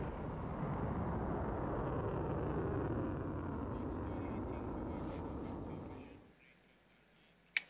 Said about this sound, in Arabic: كما نشر التلفزيون الإيراني أيضا مشاهد قال إنها توثق لحظة إطلاق صواريخ باتجاه أهداف أمريكية في المنطقة ضمن ما وصفه بالموجة الثالثة من عملية نصر 2.